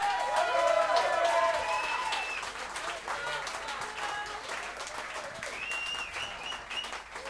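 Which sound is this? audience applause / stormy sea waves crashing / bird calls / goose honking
audience applause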